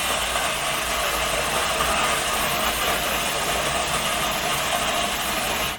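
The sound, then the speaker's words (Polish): The coffee grinder built into an espresso machine runs after Start is pressed, with a loud, steady mechanical whirr and rattle, continuous for several seconds, with no voices. “Tak działa młynek.”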